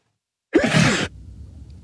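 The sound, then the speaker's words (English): A single loud sneeze bursts out after a moment of silence, a sharp, breathy explosion lasting about half a second, followed by faint low rustling and breathing. “I'm just holding off a sneeze here.”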